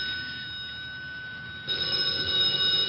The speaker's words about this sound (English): It's the telephone. I know, I hear it, but where is it?